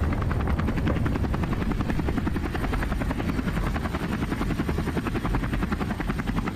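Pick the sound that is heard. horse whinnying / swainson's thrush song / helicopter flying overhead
helicopter flying overhead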